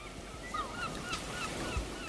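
Seagulls cry over and over in short, high, wavering calls, some overlapping, above a steady wash of ocean surf rolling beneath them at moderate volume.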